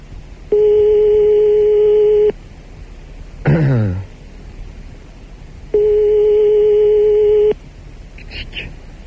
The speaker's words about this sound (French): Attention, ça sonne. Ça doit. C'est parti, sonnerie de téléphone.